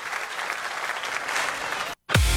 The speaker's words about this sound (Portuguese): Obrigado, gente! Uma salva de palmas, milionários e amigos!